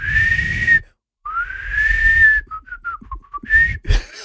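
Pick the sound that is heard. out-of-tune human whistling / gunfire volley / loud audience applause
out-of-tune human whistling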